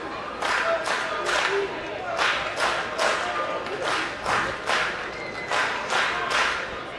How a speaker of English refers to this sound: Well, it's a lighter crowd tonight after that rain delay, but it's still a very active crowd.